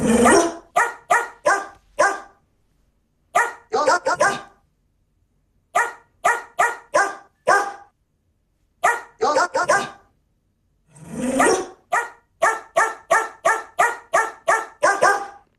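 A dog named Cora barks the tune of a song in short rhythmic bursts, grouped into phrases like a melody, with brief pauses between runs and one longer drawn-out yelp near the end; clear, no talking.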